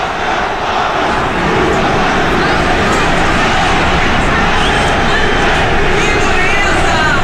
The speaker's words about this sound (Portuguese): Foram muitas vaias, mas são muitos protestos dos torcedores.